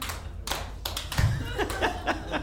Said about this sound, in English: That's the first time I've gotten applause for that one. I'm glad you all are with me. Usually people are like, what is he talking about? But you guys are like, yeah, totally.